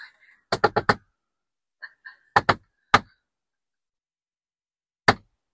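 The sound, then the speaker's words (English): A secret code knock on a door: a quick burst of four raps, a pause, two more, another single rap, then one last knock after a longer gap, with faint brief vocal sounds between. “We do have a secret code knocker. We do. It goes like this.”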